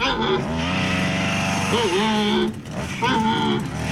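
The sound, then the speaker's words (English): A chainsaw, a small two-stroke engine used by an endangered panda, drones loudly and steadily, its pitch briefly dipping and revving, then dropping out for a moment before roaring again. “is an endangered panda using a chainsaw.”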